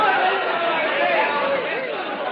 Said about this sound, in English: It worked. The crowd rushed out. We were alone.